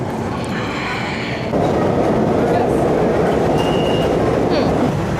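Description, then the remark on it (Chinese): A Beijing subway train on Line 12 rumbles steadily through a tunnel, a dense, continuous low roar that swells louder partway through, with faint high whines and squeals riding above it. “这个十一假期，我跟着几个来自捷克的年轻人逛了一遍北京，他们没有坐旅行大巴，而是选择了坐地铁。”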